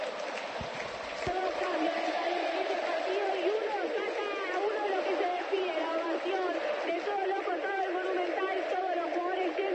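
stadium crowd ovation

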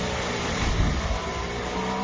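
race car engines roaring

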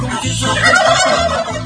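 turkeys gobbling

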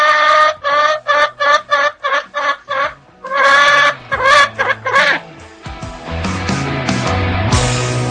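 hen clucking

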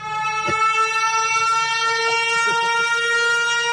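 siren alarm sound effect

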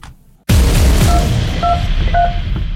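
telephone keypad dialing tones

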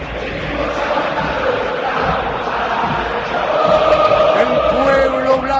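stadium crowd chanting

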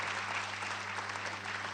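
loud applause

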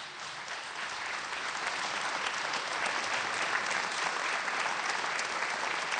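audience applause

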